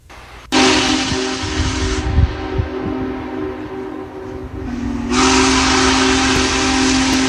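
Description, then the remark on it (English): The largest operating steam locomotive, after crossing the Arch Bridge in Letchworth Park, New York, blows a loud, sustained whistle with a steady tonal drone, cutting out briefly before sounding again, over a broad roaring hiss of escaping steam and rumbling train noise. “The largest operating steam engine has left Western New York and is after crossing over the Arch Bridge in Letchworth Park.”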